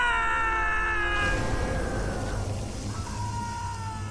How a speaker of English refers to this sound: What's happening? Why is he screaming? What is it? What's the matter? What?